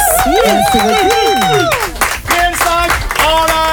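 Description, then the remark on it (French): Applause breaks out with scattered claps, mixed with loud cheering and whooping voices from a crowd, building to a lively burst of clapping by the end, following a performance during a Chérie FM radio broadcast. “Par rapport à la prestation, on peut quand même applaudir. Tonnerre d'applaudissements.”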